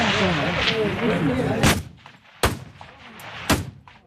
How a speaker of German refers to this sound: Eindrücke vom 300-Meter-Schiessstand in Chur. Das Eidgenössische Schützenfest hat also angefangen.